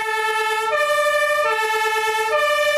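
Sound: fire engine siren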